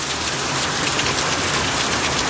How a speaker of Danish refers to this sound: Altså, man kan jo ikke høre på sådan en gang storm og regn, præcis hvor i verden det kommer fra. Men det her, det er altså lyden af et af de ordentlige regnskyl og blæsevejr, de har haft i Italien her på det seneste.